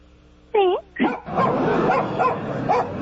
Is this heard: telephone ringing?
no